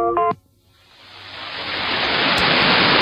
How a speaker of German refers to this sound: Tristes Rauschen. Am 31. Januar war Schluss mit Radio Australia, zumindest was die Übertragung des öffentlich-rechtlichen australischen Rundfunks via Kurzwelle betrifft.